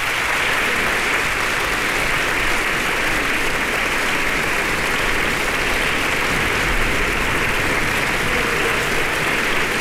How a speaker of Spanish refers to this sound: Sus compañeros también se unen a los aplausos del público reunido el día de hoy en la sala de conciertos del Centro Cultural Tlacná.